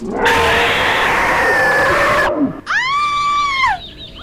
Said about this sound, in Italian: Hai sentito anche tu urlare la Rottenmeier?